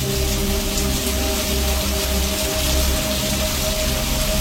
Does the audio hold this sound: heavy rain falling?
yes